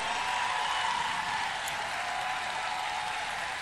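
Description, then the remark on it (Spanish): An audience stands and applauds the couple representing the commune of Tomé at a championship, a dense wash of many hands clapping at once that holds an even, fairly loud level throughout with no voices breaking through. “Mira qué bonito cuando la gente aplaude, se pone de pie.”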